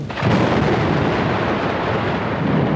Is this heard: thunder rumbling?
yes